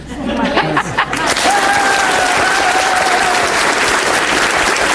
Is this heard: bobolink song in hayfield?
no